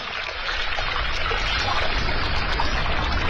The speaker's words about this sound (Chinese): 水源的地方就是这样，这么小很小的一条小溪，无数个小溪。还回到一次最后形成咱们看到的黄河长江。